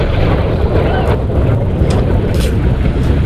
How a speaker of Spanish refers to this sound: Este era el momento captado por los aficionados que presenciaron esa explosión desde la costa frente a la Estación Espacial de Cabo Cañaveral. El cohete estaba realizando una prueba rutinaria de motores